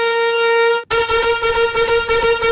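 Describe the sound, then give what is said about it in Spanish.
Loud, steady vehicle horn blasts with a bright, buzzy tone: one sustained honk, a split-second break, then a longer blare over a pulsing, rumbling background. “Así es que acá están sus trompetazos.”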